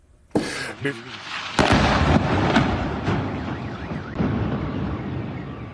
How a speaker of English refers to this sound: This video shows an explosion in the southern port city of Bandar Abbas. CENTCOM says American forces hit military command centers, drone storage facilities, and coastal surveillance sites, among other targets too.